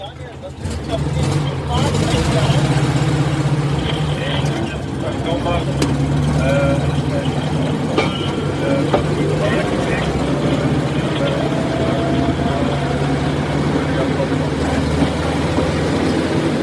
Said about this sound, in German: Es hat aber auch noch mehr Firmen gegeben, die die Draisine in der Art nach Bundesbahnvorgabe gebaut hat. So, wir stehen jetzt auf der Drehscheibe, fahren raus.